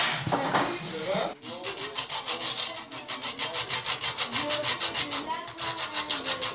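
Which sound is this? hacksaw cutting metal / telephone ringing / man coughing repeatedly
hacksaw cutting metal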